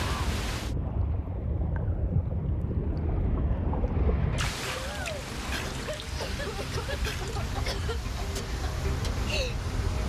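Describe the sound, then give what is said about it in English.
Heavy ocean waves crash and roar continuously at the edge of a reef, sounding muffled at first and then bursting into a fuller, hissing surge, with faint voices partly buried beneath the churning water. “Here comes another wave.”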